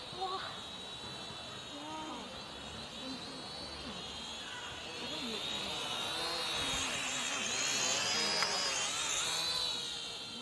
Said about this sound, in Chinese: 看，无人机来了。